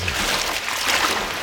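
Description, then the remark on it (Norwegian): Steady rush of river water with soft swirling and light splashy movement as a toe is dipped into the river on a hot, humid day in Fredrikstad; no voices, the watery noise continuing evenly throughout. “Jeg stikker tåa ned i elva her.”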